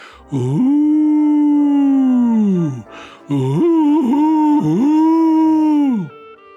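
A voice imitates an owl hooting: two long, loud, drawn-out moaning hoots, the first steady and the second wavering, each sliding down in pitch at the end.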